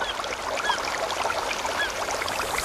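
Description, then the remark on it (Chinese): Outdoor forest ambience: a steady, hissing wash like rushing water or rustling leaves, with a few faint, brief bird chirps scattered through it. No voices. “森林，草原，大海。”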